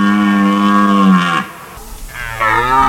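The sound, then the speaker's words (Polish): A red deer stag roars during the rut: a long, loud, deep bellow that drops off, a brief lull, then another roar begins. No one speaks. “Rykowisko jeleni to także sygnał zmian w przyrodzie.”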